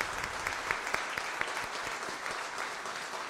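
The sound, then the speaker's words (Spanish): A crowd claps steadily for the Virgin of Carmen on the first day of a church festival, many hands making a dense, continuous patter with a few sharper individual claps standing out. No voices, just sustained applause throughout. “Y la que merece un gran aplauso es nuestra madre, la Virgen del Carmen.”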